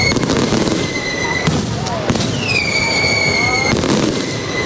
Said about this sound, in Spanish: Y por San Francisco, los fuegos artificiales para despedir la Feria de Úbeda 2026.